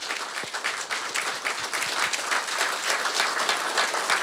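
Sustained audience applause at a concert, welcoming the diatonic accordion orchestra of Slovenia's music schools: a dense steady patter of many hands clapping at an even loudness for several seconds, with no voices.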